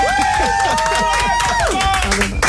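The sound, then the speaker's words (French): Loud, steady applause in the Énergie radio studio: dense overlapping claps that keep going for a couple of seconds, with voices and whoops rising and falling over the clapping. “Bah là, tu m'applaudis, on dirait c'est mon anniversaire.”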